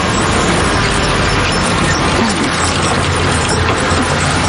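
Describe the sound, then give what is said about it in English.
A bus rumbles past in busy street traffic in Barranquilla, its low engine drone and road roar loud, filling the whole stretch with a steady, dense wash of noise. “just listening to the environment around me, the sound of the motorcycle, the passing by of many cars, the murmur of voices, the sound of the bus as it passes by, or the sounds of a man on a horse-drawn wagon bringing fruits to market.”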